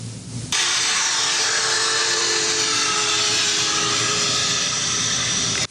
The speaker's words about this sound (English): As steam shoots out of the top of the jet black locomotive, number 4014, the big boy flies by on St. Louis tracks, decorated with American and Canadian flags.